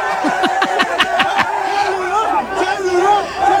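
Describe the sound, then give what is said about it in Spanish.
A crowd cheers and shouts together outdoors in a street as a woman proves a cell phone is hers by unlocking it with her passcode. Quick rhythmic claps open the moment, then many excited voices keep whooping and yelling, loud, without letup. “¡Lo logra! ¡Y hay porra!”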